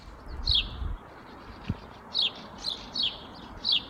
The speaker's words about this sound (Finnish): Varpusten pulinaa siinä tältä aamulta.